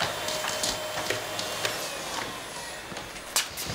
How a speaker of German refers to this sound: Das nennt man Staubsaugen.